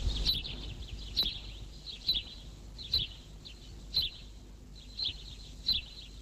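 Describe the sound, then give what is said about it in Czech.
A sparrow chirps in short, bright notes, about seven of them at a fairly steady pace, clear against a quiet background with a faint low rumble. “Tak takhle dělá vrabec.”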